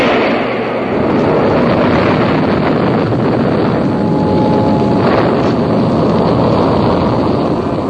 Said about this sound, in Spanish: Los motores estallaron en un reflejo multicolor. Una nube blanca y espesa brotó de los escapes de los motores del proyectil. Durante unos instantes, el gran proyectil pareció temblar y caer estrepitosamente. Luego, despegó lentamente de la base